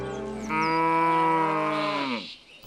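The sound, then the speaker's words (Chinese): A single long, loud moo from a Xiangxi yellow cow, a free-range cattle breed raised on the hills of western Hunan, China, a deep drawn-out bellow lasting about two seconds that tapers off at the end, with no talking. “湘西小黄牛。湖湘特色食材中绝对的第一梯队。”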